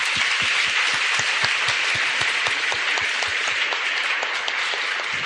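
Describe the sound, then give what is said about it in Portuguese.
A warm round of applause from a crowd welcoming priests at a church celebration in Tobias Barreto, steady and full with many overlapping hand claps, sustained at an even loudness throughout without any talking. “Sejam bem-vindos, eu peço para todos eles uma calorosa salva de palmas.”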